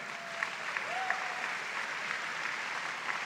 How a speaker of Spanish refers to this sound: Quisiera que le regalara. Dáramos un aplauso.